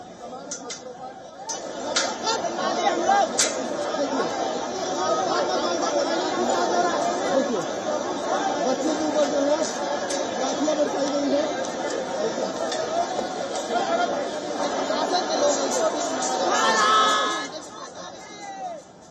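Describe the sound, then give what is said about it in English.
A dense crowd of protesting youngsters in Jharkhand clamors continuously as police use force and a lathi charge to disperse them, many voices chattering and calling out at once, with occasional sharper shouts and clicks rising above the steady, loud hubbub throughout. “The police was also seen using force on the protesting youngsters in a bid to disperse the mounting crowd as some demonstrators tried to break through layers of barricades.”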